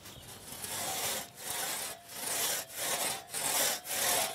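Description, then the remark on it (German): A 1.5-metre two-man crosscut saw (Trummsäge), of the kind once used by forest workers, rasps steadily through wood in long, even back-and-forth strokes, each sawyer pulling in turn. About six strokes, each broad and hissing with a brief pause at the turn. No voices. “Eine sogenannte Trummsäge, wie sie früher von Waldarbeitern benutzt wurde.”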